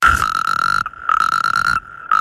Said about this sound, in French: Grenouille ? C'est un crapaud ! Ah oui, c'est un crapaud, le crapaud calamite.